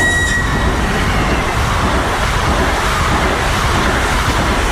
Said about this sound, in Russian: О, электричка в Василькова идет.